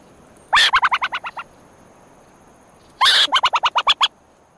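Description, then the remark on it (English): Two bursts of a burrowing owl's chattering alarm call, each a quick, rasping run of about eight sharp notes that slows toward the end, separated by a short pause with no talking. “When old enough to emerge, these little owls can be seen sunning at the burrow entrance, and if danger threatens, they warn each other with a chattering alarm.”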